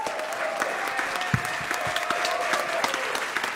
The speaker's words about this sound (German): Vielen, vielen Dank. Ein Applaus für ….